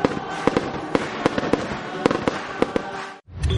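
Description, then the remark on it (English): Canada Day fireworks at the Kin Centre in Miramichi burst in a rapid, irregular string of sharp pops and bangs over a dense crackling rumble, break off for a moment, then start up again loudly. “And after the great music, stay for the Canada Day fireworks.”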